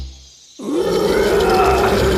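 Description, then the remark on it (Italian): A lion waking up in front of its cave lets out a deep, rumbling growl that swells suddenly after a brief low hum, then holds loud until the end with no talking. “Fu così che il leone si svegliò.”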